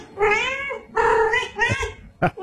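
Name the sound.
cat meowing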